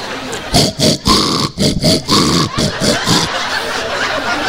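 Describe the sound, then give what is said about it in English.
A voice mimics pigs grunting and snorting in a rough, rhythmic burst of short oinks, loud, with snickering, laugh-like breaths mixed in and noisy K-Pig Radio music playing throughout. “Man, and neighbors say, man, turn off that K-Pig Radio disgustifying music.”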